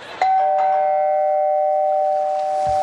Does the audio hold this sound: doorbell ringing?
yes